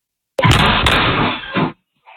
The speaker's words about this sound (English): A woman said she has no way to lock her door now after teenagers kicked it as part of a social media trend.